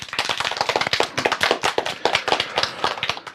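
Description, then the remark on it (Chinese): A crowd of students applauds steadily to welcome a guest speaker, many hands clapping in a dense, continuous patter at moderate loudness, with no voices over it. “同学们，让我们掌声有请今天的第2位思政辅导员”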